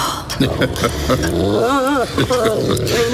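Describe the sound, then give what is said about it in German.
A dog named Bumble growls and snarls in rough, guttural bursts lasting a few seconds, loud and agitated, with a person's voice mixed in. “Verdammter Köter! Lass ihn in Ruhe.”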